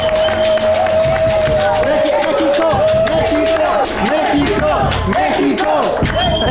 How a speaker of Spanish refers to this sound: Sí, la verdad es que este sueño mundialista merece que le demos unos aplausos a nuestra selección. ¡Bravo!